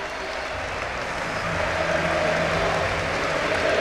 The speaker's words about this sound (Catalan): Costello, Costello, eh? Sí, sí, sí, sí. Ovació.